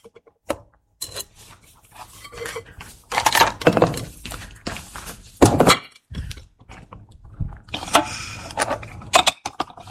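Dishes clatter and thunk against a hard kitchen counter as they are moved aside while a loaf and its topping are being prepared, a series of irregular knocks, scrapes and clinks over about ten seconds, with no one speaking.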